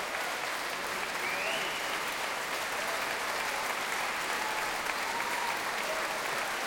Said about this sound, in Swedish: Applåderna vill inte ta slut där ute.